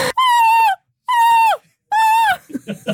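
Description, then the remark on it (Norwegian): NRK presenter Linn Vik imitates a seagull in the studio with three loud, drawn-out, nasal screeches, each holding a high strained pitch before dropping off at the end, followed by a brief snatch of speech. “Hun kan også emulere måke.”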